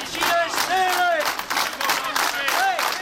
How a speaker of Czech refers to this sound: Tímto pokřikem byla dnes zakončena manifestace zaměstnanců na nádvoří kladenské Poldy.